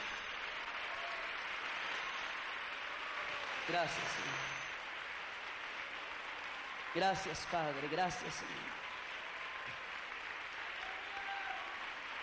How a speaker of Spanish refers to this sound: Entonces, bueno, dele un aplauso al Señor ya que quiere dárselo. No se lo impido. Ahora dele 30 segundos de aplausos al Señor.